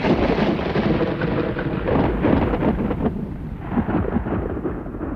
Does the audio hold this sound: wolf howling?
no